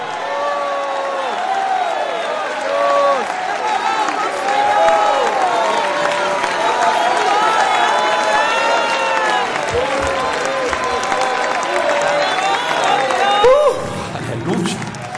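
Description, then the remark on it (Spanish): A church audience shouts praise to God and cheers for 30 seconds in a loud, sustained roar of many overlapping voices, with scattered applause and high whoops running steadily throughout. “Si alguien va para el cielo, grita su alabanza por 30 segundos.”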